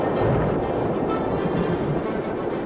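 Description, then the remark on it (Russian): Thunder rumbling beyond the hills in a low, steady roll that holds at an even loudness for a few seconds, with no voices over it. “Слышите, за холмами-то прогремело. Грозой пахнет.”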